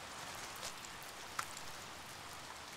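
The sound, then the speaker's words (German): Steady monsoon rain from the Pacific patters on rocks in northern Arizona, a dense even hiss of drops with occasional louder splats standing out, continuous with no voices. “Der Regen lockt eine Schwarzschwanzklapperschlange aus ihrem Felsversteck.”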